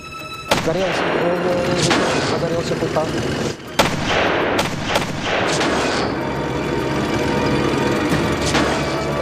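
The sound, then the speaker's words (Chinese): Loud, dense battle noise with repeated sharp gunshots and heavy booms cracking over a constant rumbling roar, continuous, as anti-tank rifle fire hits German tanks one after another and sets them on fire. “德军的坦克一辆接着一辆被击中起火，第三辆被打得动弹不得，其余的坦克都停了下来。”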